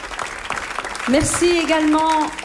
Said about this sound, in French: On remercie donc toute l'équipe du festival, vraiment. Merci, on peut faire vraiment des applaudissements chaleureux pour toute cette équipe.